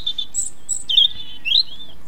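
Birdsong chirping: a series of high, thin whistled notes and short sweeping trills, clear, heard alone with no talking, over a faint steady background hiss.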